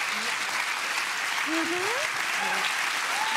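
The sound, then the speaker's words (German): Steady audience applause fills the whole stretch, a dense wash of clapping with a few faint voices rising and calling out through it. “Applaus, wie schön.”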